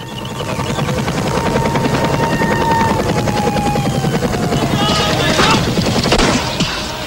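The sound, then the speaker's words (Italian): Helicopter rotors thump steadily beneath bursts of rapid gunfire during a Jordanian army attack on Palestinian fedayeen bases, forming a loud, dense wall of battle noise that runs unbroken for the whole stretch with a whining engine tone above. “Artiglieria pesante, carri armati, aerei e elicotteri.”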